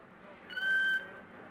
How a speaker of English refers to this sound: He was lowered with tender care into a crate packed with ice and foam rubber, and for extra comfort, a rubdown with 5 gallons of skin cream. It was rather undignified treatment for a killer whale, as Ramu protested.